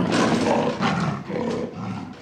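A big cat lets out a loud roar that lasts about two seconds, rumbling and rasping in a few swelling surges, with no one talking over it.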